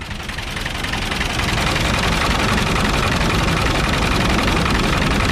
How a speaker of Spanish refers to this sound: Es el sonido del tractor, se ríe la cuadrilla, luego voy a presentar a la cuadrilla.